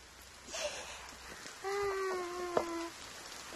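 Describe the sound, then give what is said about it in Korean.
Steady, soft rain hisses throughout, with scattered faint drips, while a drawn-out, high tonal cry briefly rises above it in the middle before fading back into the patter. “빗소리 들어봐.”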